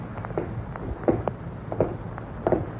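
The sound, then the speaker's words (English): Steady footsteps follow a man, falling in an even rhythm, about a step every half second, over a low background hum, with no talking. “Man, there they are again, those footsteps, those same footsteps following him.”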